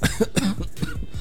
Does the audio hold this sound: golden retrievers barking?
no